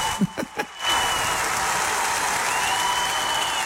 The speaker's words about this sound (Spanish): Esos aplausos que oyen no son del estadio, por cierto.